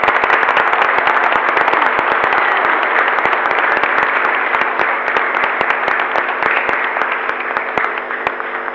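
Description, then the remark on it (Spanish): A large crowd applauds the children steadily for several seconds, dense overlapping claps holding strong before easing off slightly toward the end. “Muchas gracias a los chicos, les damos un fuerte aplauso, ¿sí?”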